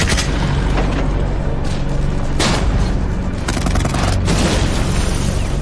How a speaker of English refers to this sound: As the Germans come into view from the south, the British open fire. Explosions reverberate around them from German tanks and self-propelled guns in the distance.